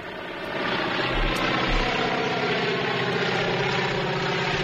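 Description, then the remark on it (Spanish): A loud, steady drone of old propeller airplane engines passing overhead, with a dense throbbing rumble that fills the whole clip and no voices. “Como puedes escuchar, escuchamos un avión. Es un avión. De es motores, un avión antiguo.”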